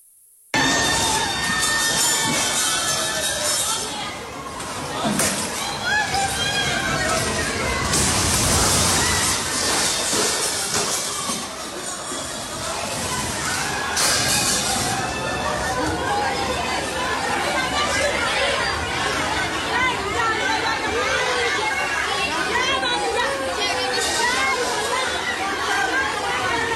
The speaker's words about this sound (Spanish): Son los gritos desesperados de un hospital